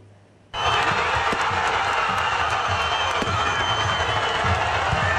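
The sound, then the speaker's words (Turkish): A loud, dense roar of thousands of football fans in Diyarbakır, Turkey, who watched the match on giant screens, erupts suddenly at the final whistle after a brief quiet moment, celebrating their team's promotion to the Süper Lig; it holds steady, with scattered whistles and shouts rising above the continuous noise. “Binlerce taraftar dev ekranlardan maçı takip etti. Karşılaşmanın son düdüğüyle kutlamalar başladı.”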